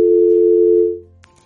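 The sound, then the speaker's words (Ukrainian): A steady, loud telephone line tone hums for about a second during a failed attempt to take a caller's phone call, then cuts off abruptly with a click, leaving a faint quiet line behind. “Спробуємо прийняти перший телефонний дзвінок.”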